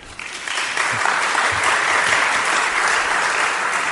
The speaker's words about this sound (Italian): Intanto grazie, perché sentire il pensiero è sempre una cosa bella, che esiste ancora il pensiero, eh. Per cui un applauso a voi, grazie.